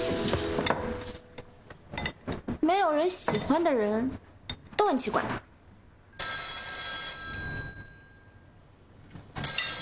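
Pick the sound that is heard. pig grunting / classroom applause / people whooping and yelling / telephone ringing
telephone ringing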